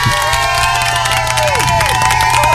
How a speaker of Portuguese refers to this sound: Deixa eu aplaudir essa turma aqui.